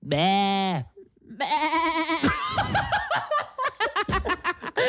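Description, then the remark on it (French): A person imitates a goat with a loud, wavering bleat, then a second shakier one, followed by bursts of laughter and lively chatter. “La chèvre, sinon, c'est pas mal.”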